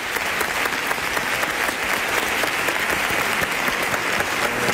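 Sustained audience applause fills the whole stretch, a dense, steady clatter of many hands clapping at once, loud and close with no voices standing out.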